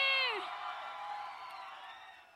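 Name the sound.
audience cheering and applause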